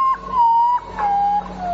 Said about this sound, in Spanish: Es el Urutau. Este miedo, ¿eh? Y así se calle después.